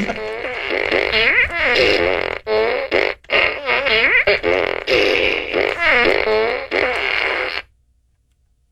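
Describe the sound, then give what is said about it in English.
A rapid run of loud, buzzy fart sounds with wobbling, bending pitch, made by a person during the reading of a news story, packed closely together for about seven seconds before cutting off abruptly into silence. “Buy a bunch of farts.”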